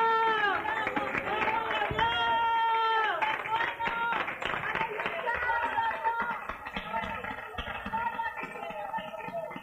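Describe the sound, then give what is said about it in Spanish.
An audience applauds steadily in praise of God, the dense clapping mixed with loud, sustained cheering and shouting voices throughout, with cries of "Gloria a Dios". “¡Otro aplauso a nuestro rey, hermano!”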